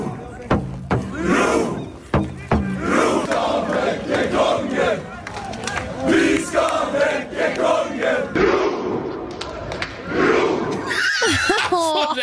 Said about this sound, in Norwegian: Akkurat nå så det hundrevis av folk som sitter utenfor slottet og prøver å vekke kongen.